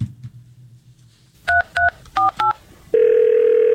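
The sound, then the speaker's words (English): Four quick touch-tone beeps of telephone dialing at different pitches, followed by a loud, steady electronic phone tone that holds without a break, over a low background hum; a call to the Wyffels Hybrid Seed Corn Hotline. “Hello, you've reached the Wyffels Hybrid Seed Corn Hotline.”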